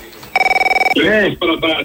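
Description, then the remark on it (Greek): A telephone on the call-in line of the radio show Ellinofreneia rings once in a short, rapid warbling trill of a dozen quick pulses, loud, and then someone starts talking right after it stops. “Το τηλέφωνο.”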